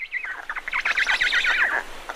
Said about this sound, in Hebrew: אבל לאט לאט נתחיל לשמוע קולות קטנים יותר. נגיד, ציוצי ציפורים.